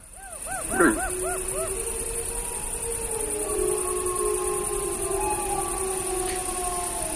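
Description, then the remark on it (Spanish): Several adult wolves of a pack, heard from afar, howl together in a long, low chorus, overlapping sustained tones with a few yipping higher calls early on, against a steady background hiss. “Bueno, yo creo que estos son lobos adultos los que hacen estos aullidos así graves.”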